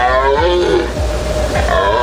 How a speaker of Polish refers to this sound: W lasach możemy już teraz usłyszeć ryk jeleni.